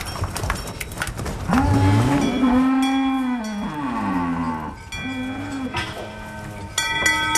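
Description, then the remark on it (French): Dairy cows being taken out to pasture to graze moo loudly, several long drawn-out calls overlapping one after another, with a faint ringing bell and outdoor background noise in between. “C'est l'heure d'aller dans le pâturage pour les vaches”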